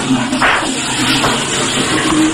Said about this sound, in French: Je m'enferme. Je tire la chasse.